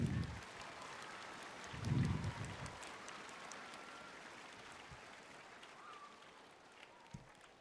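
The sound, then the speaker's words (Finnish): About 5000 choir singers and their audience clap outdoors on a singing slope at an event welcoming summer, a dense patter of many hands for several seconds that stays fairly even and slowly thins toward the end, with a few low thumps mixed in and no voices. “Annetaan vielä itsellemme ja yleisölle raikuvat taputukset.”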